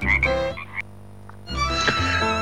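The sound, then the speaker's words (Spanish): A frog croaks loudly in two harmonic, buzzing bursts separated by a brief pause, with no one speaking. “Ahí el sapo de la rana de la radio nos anuncia lo que estamos viendo por nuestras ventanas.”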